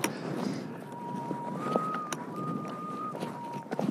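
Wind rushes steadily over an exposed mountain ridge as someone walks along it, with a thin, sustained whistle that holds one pitch, steps up about a third, then drops back, beneath gusty buffeting and occasional bumps on the microphone.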